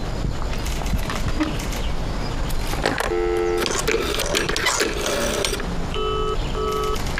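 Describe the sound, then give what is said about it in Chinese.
A telephone being dialed: electronic keypad tones sound as one longer beep, then two short matching beeps, over a steady hiss of background noise with no one talking. “哦，我可以打个电话吗？”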